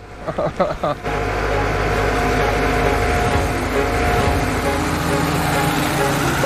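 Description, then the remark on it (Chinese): After a few short bursts, the engine of a tractor driven by a woman rumbles steadily: a loud, continuous, throbbing drone that holds at an even level to the end. “女拖拉机手”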